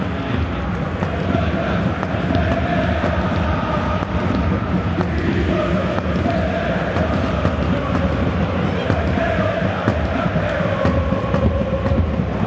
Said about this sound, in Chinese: 打到身后去，这球呢这个加西亚他的回追速度很快，直接是把伊万阿松给背到身后去。现场的球迷呢对他是报以掌声。